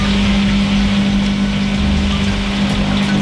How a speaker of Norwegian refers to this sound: Her er det noen som durer og går. Vaskemaskinen min. Vaskemaskinen, ja.